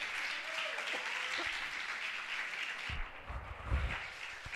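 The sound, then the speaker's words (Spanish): A crowd claps for the Lord steadily in a dense, continuous wash of applause, with a few sharper claps and low thumps standing out toward the end. “Dale un aplauso al Señor, hombre.”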